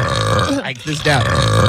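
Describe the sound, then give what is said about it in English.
A loud, drawn-out recorded burp played back, rumbling and gurgling, briefly breaking midway before resuming for a second deep stretch, with no talking. “I feel like I have to belch”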